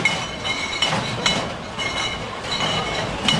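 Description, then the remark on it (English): Heavy beer mugs clink together several times in quick, irregular bursts, ringing brightly over the dense, constant roar of a crowded festival, at Oktoberfest in Munich, Germany. “Oktoberfest is kicked off today in Munich, Germany, with many mugs clinking.”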